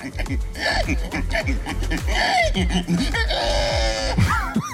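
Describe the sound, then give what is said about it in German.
A person, the winner of a pig-imitation contest in Estonia, vocally imitates a pig, making a rapid, continuous string of loud grunts and squealing snorts with rising and falling pitch for several seconds. “Nämlich, es ging darum, wer am besten ein Schwein nachmachen kann.”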